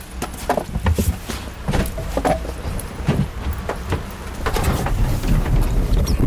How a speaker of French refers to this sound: On remarque que le moteur part en quart de tour.